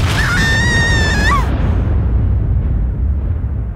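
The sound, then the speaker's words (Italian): A gas explosion in a latrine: a loud, deep rumbling blast roars continuously, with a high wavering honk-like squeal over it for the first moments before the heavy low rumble carries on alone, slowly fading. “Minchia, nonno, ma quanto cazzo di gas hai rilasciato? Mamma, che botto.”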